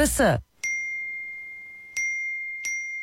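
Three bright phone notification dings arrive at uneven intervals as several people send messages, each a clear ringing chime that lingers and fades, after a brief burst of voice at the very start.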